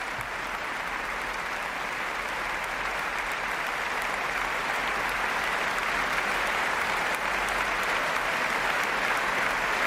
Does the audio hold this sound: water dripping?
no